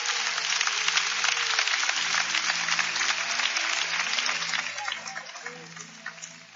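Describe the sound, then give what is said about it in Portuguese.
An audience claps steadily and densely for several seconds in praise of the Lord, a loud wash of many hands over low sustained musical tones, gradually thinning out toward the end. “Pode louvar o Senhor com as suas palmas.”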